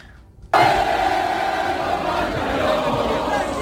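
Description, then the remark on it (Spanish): After a brief quiet moment, a large street crowd in France, celebrating France reaching the quarter-finals, bursts into loud, sustained singing of the Marseillaise, many voices merging into a dense, steady roar with a held melodic line. “La gente, imagínate la emoción de Francia de llegar a cuartos de final, salió a las calles a cantar la Marsellesa, se escuchaba así.”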